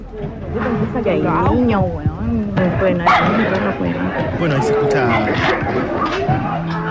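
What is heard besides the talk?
dogs barking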